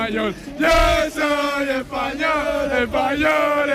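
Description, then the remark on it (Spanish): A loud crowd shouts and chants 'Viva España' in unison at a street celebration in the Plaza de Colón after a Spanish national team match, voices rising in four or five sustained, sing-song bursts with brief breaks between them. “Pues la fiesta sigue a tope aquí, la gente grita Viva España todo el rato,”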